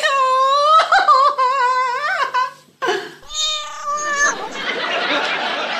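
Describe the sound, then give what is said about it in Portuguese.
A female cat being called over meows in two drawn-out, wavering cries, a long one and then a shorter, higher one, loud, followed by a soft hissing rush of noise. “Anda cá, gatinha. Anda cá, gatinha. Ai, a minha Fifi.”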